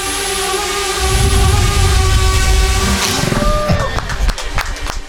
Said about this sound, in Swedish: Så här låter det när det finsk-amerikanska startup-företaget Tordynamics skjuter ner en drönare med ett laservapen. Det som taget ur Star Wars, och det är det egentligen också.